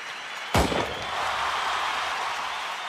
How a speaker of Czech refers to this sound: Závod zahájil výstřelem Brouk Krajník Pižmový.